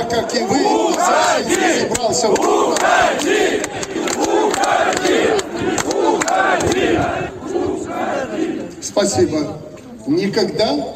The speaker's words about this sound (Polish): Boi się buntu robotników, którzy w pierwszych dniach protestu krzyczą mu w twarz. Odejdź!